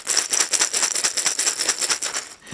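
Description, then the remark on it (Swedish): A blind football ball, used by players who are blind or visually impaired, rattles continuously with dense, bright metallic jingling, a rapid irregular clatter of small beads shaking inside as it is kicked, passed and rolls, with no voices. “Ja, jag vet inte om du hörs hur den skallrar bollen.”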